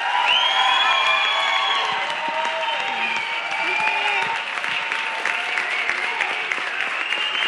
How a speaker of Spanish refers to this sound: así que denle un aplauso, por favor, a nuestros radioescuchas.